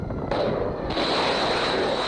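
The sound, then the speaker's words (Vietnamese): A loud, continuous barrage of rapid blasts and crackling bursts, explosions mixed with Iranian air defense fire in southern Iran, around Bandar Abbas, Minab and Sirik, rising in intensity twice and holding steady throughout with no talking. “Nhiều tiếng nổ lớn được ghi nhận tại khu vực phía nam Iran, trong đó có Bandar Abbas, Minab và Sirik.”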